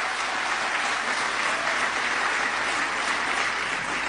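A crowd claps for South African autoworkers who build the Polo car, a dense, continuous wash of applause that holds steady at a fairly loud level for about four seconds, with no voices heard over it.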